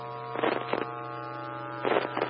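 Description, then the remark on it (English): A steady electrical hum from a ceramic tetrode vacuum tube power amplifier drones continuously at moderate volume, with a few brief rustling bursts of noise passing over it. No one speaks. “Tube. Ceramic tetrode. Vacuum tube.”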